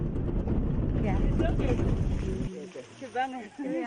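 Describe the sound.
Loud, steady rumbling wind and engine noise fills the first half, as if riding in the open back of a moving vehicle, then cuts to a quieter scene with a voice talking.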